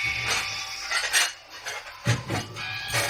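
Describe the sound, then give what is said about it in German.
Dirty dishes clatter and clink together in repeated bright, overlapping knocks in a video game, a busy jumble of crockery and cutlery filling the sink and floor, with no talking. “Die Spüle ist voll, der Boden ist voll mit verschmutztem Geschirr.”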